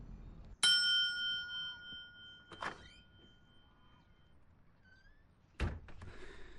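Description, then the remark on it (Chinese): A sharp clunk as a phone is hung up, then a bell is pressed, setting off a bright bell tone that rings and slowly fades, followed by a dull thump and, a few seconds later, a door-like knock as an assistant is called in. No one speaks. “挂断了电话，按了一下铃，把助理叫了进来。”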